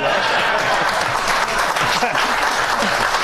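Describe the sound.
A crowd applauds loudly and steadily for James Tallarico, a candidate running for Senate in Texas; dense clapping holds at an even level for the whole stretch, with faint voices mixed into the noise.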